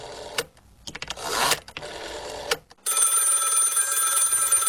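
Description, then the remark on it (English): An old rotary telephone bell rings loudly and continuously, a brassy metallic trill that follows a few seconds of mechanical clicks and rattling whirs, with no one speaking. “So tell me about your early memories of the old rotary phone, of course, popularised in the 20th century.”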